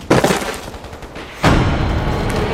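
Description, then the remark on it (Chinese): Heavy, dense gunfire crackles continuously, with a loud burst of shots near the start and another surge a second later, sustained rapid volleys rolling on without a pause. “那现在是八子在佯攻， 不像， 不像， 枪声太密集，不像是对的。”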